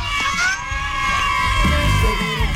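A group of people cheers and shouts loudly together for a prize winner as an Olímpica Estéreo radio team delivers a new refrigerator, their high, sustained voices blending into one continuous burst of excited noise lasting about two and a half seconds.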